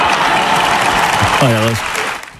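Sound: parliament ovation applause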